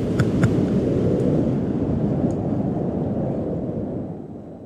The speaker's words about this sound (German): Hier ein bisschen kalter, akustischer Wind für euch.